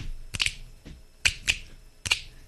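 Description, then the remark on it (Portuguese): Several crisp finger snaps, around six of them in an uneven rhythm, some coming in quick pairs, each a sharp bright click standing out over quiet background with no talking. “Tudo vai do dedinho. Vamos lá, do dedinho.”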